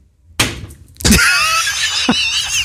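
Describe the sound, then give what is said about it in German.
A thrown dart strikes the wooden frame of a Lower Saxony (Niedersachsen) map board with a sharp, loud thwack, leaving a bright ringing rattle that lingers, then a second, softer knock follows about a second later. “Der Feierabend-Dartpfeil muss auf der Niedersachsen-Karte landen, sonst geht's ja nicht los.”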